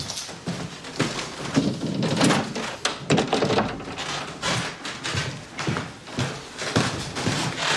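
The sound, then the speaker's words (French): Someone passes from an office through a very narrow door, in a place that keeps the archives of André Gide, with a series of hollow wooden thunks and bumps scattered irregularly over several seconds amid shuffling movement, and no talking. “On passe la porte étroite.”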